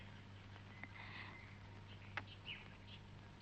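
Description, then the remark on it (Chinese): A few brief, soft chirps from small pet birds, scattered and irregular, over a steady low hum and quiet background noise. No one speaks. “是我养的小鸟，去维也纳以前不是把他们都放走了吗？”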